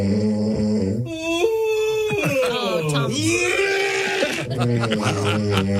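Loud, layered snoring drones on without a break, its nasal, bleating tones wavering and sliding up and down in pitch, thick and raspy throughout.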